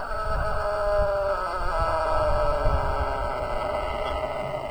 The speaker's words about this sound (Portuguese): Olha, o segundo galo nosso, ele é o Galo Topete. Dá uma olhada no topetudo aí, ele canta grosso, né?